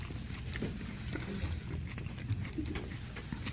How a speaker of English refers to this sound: Now we're talking. And I can hear you chewing. It sounds really good. This bread is sourdough, right? Yeah, absolutely.